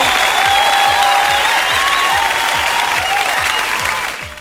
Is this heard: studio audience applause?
yes